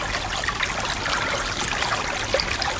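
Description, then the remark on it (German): A brook flows steadily, its water babbling and trickling with a continuous, bright splashing texture at moderate volume, with no voices. “So ein Bach.”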